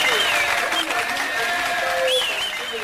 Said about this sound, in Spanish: Qué bueno, nuestro saludo, caramba, los aplausos. Muchas gracias.